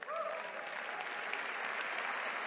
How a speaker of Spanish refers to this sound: Vamos, si le va a aplaudir, dele fuerte ese aplauso.